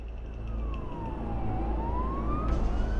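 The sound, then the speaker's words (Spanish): A fire truck siren wails as firefighters head out as reinforcements, its pitch sliding slowly down and then climbing back up, over a heavy engine rumble and traffic noise. No one speaks. “Así que prácticamente todo el personal subió a los camiones para unirse a sus compañeros.”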